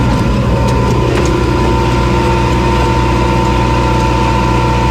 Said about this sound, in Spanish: Hoy te mando la postal sonora subidos a un tractor.